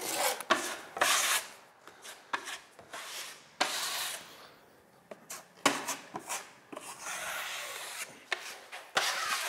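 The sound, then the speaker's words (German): Someone hand-sands a wall during interior work on a house, after filling it, with repeated abrasive, rasping strokes in an irregular rhythm, some short and some drawn out. The scraping is fairly loud, with no talking. “Ich bin gewahrt beim Innenausbau, beim Verspachteln und beim Schleifen.”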